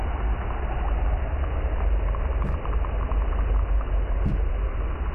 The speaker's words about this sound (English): Including human sounds. Probably one of the most prolific sounds I hear is probably ship or boat noise all the time.